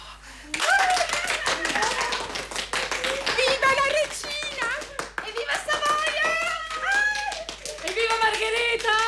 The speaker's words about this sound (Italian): Sua Maestà è rimasta un attimo ad ascoltare l'incontenibile applauso, poi fa cenno con le mani di tacere.